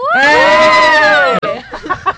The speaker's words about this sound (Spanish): ¡Ey! Tu grito estuvo maravilloso.